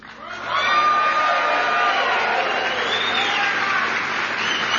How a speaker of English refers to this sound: Now, I made y'all clap for him before I told you that he's actually from my home state of Ohio.